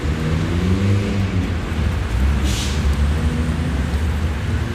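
Steady city traffic rumble in front of Berlin Hauptbahnhof, Germany, between traffic lanes and tram tracks: a dense low roar of passing vehicles with a brief brighter hiss midway, with no voices.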